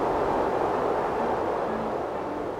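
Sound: strong wind blowing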